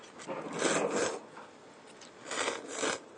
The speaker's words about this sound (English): By slurping, you're eating not just the noodles, but also the soup that comes with it. And that's the purpose of slurping.